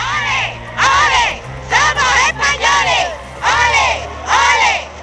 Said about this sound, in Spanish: El pueblo ceutí salió en masa a la calle para recibir a los entonces reyes, una multitud que gritaba aquello de «Olé, olé, somos españoles».